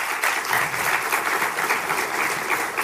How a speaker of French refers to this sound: Je vous propose qu'on les applaudisse une nouvelle fois.